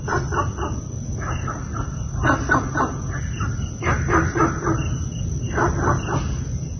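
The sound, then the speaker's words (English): Günther's frog in Singapore calling in short clusters of rapid, gruff, bark-like notes, several bursts repeating over a steady low rumble of background noise, with no voices. “I have for you an audio recording of Gunther's frog in Singapore.”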